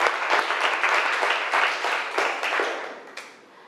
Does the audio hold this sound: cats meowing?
no